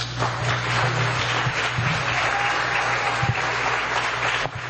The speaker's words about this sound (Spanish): Un aplauso grande para esos niños.